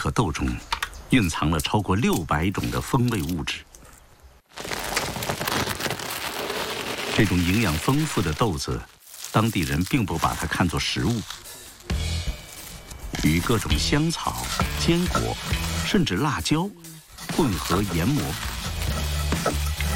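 Cacao beans roast gently in a clay pot preheated to over 120 degrees, rattling and crackling as they're stirred: a busy clatter of many small clicks that runs steadily, broken by a few brief pauses.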